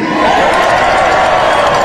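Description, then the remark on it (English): A loud, dense roar of a large crowd at a political rally cheering and yelling together in response to the speaker asking "Are you with me?", sustained and steady for about two seconds with no single voice standing out. “They are indeed with you, sir.”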